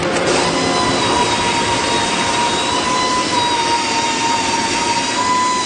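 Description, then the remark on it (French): Loud machinery in the Canam group factory in Saint-Gédéon roars in a steady, dense wall of noise, with sustained high-pitched whines and tonal hums running through it and no voices. “Ce sont surtout les bouchons pour les oreilles qui se révèlent utiles lors de cette visite de l'usine du groupe Canam à Saint-Gédéon.”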